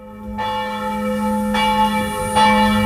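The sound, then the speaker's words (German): A church bell rings out in steady, resonant strikes, roughly three within a few seconds, each new stroke landing over the long humming decay of the last, with no voices present. “Oder wir wissen schon nur, wenn es läutet, was für Zeit es ist.”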